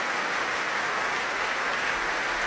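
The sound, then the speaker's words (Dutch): Sustained applause from a large concert audience after Verdi's Requiem by the Rotterdam Philharmonic Orchestra, the Laurens Symphonic choir and conductor Lahav Shani, here for soprano Hasmik Torosian; a dense steady wash of many hands clapping at even loudness throughout, with no voices standing out. “Een groot applaus hier voor sopraan Hasmik Torosian.”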